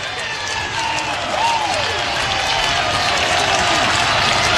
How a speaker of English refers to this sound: The near capacity crowd getting into it.